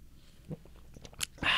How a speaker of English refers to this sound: Do you all enjoy us both sipping our drinks at the same time out there? Isn't that good? You like that?